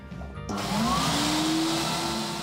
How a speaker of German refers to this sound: Hier im Woanders kann man Platten nicht nur hören, kaufen oder tauschen, man kann sie auch waschen lassen. Von Manfred Graf und seiner Plattenwaschanlage.